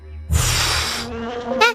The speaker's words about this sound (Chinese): 是嗡嗡声。 我听到了， 我也听到了。